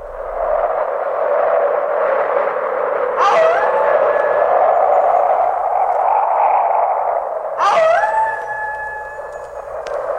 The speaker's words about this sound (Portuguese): Aqui tamo eu e você no meio da ventania e dos lobos uivando.